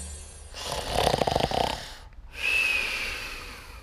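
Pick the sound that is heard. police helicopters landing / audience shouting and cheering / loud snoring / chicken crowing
loud snoring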